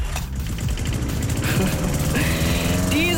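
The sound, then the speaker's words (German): A lawn mower engine runs loud, a steady rough rumble with rapid chugging pulses and a rising whine near the end, with no one speaking. “Hören Sie diesen Rasenmäher bei uns, dann rufen Sie einfach schnell an.”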